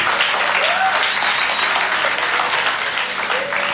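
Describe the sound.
A crowd claps steadily for several seconds as a young woman is called to the stage, a dense, even wash of applause with a few faint voices and whistles rising through it.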